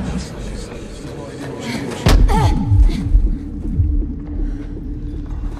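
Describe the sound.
A sudden heavy slam as Tris, trying to join her friends in the pit, hits a transparent glass barrier, followed by a brief wobbling, sliding resonance, all over a steady background murmur of voices.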